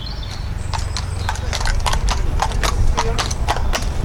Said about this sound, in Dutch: De paarden worden hier opgezadeld. De honden, bloodhounds, worden uit hun kennel gelaten. Het Old Surrey & Burstow jachtgezelschap in Kent maakt zich klaar voor een trailhunt.